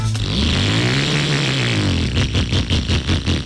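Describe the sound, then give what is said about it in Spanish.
A loud motorcycle engine roars with a deep, wavering tone, then breaks into rapid rhythmic revving pulses toward the end, with no voices. “Yo no sé por qué algunas personas piensan que si la moto se oye más duro, ellos se sienten más poderosos.”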